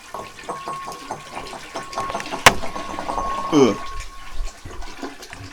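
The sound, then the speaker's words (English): Water splashes and pours steadily from a cat's water bowl into a toilet, interrupted midway by a sharp metallic clank, with a brief gurgling swirl afterward; the sound is moderately loud. “We pick up the old kitty water, we pour it into the toilet, we flush the toilet, we put the kitty water bowl back on the ground in a very ringing manner.”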